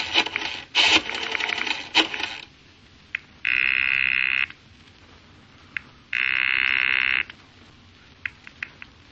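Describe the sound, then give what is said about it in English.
In a phone booth in Washington, a payphone handset is handled and dialed to an FBI contact with a few clattering clicks, then two long electronic rings sound on the line about two seconds apart, with faint clicks between. No one speaks. “In Washington, after making sure I'm not being watched or followed, I duck into a phone booth and dial my FBI contact.”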